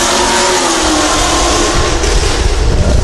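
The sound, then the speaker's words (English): A car's motor roars loudly as it races by, a strained, revving drone over a constant rushing noise that fills the whole three seconds, with no one speaking. “Thinking about that vehicle you probably heard in the background.”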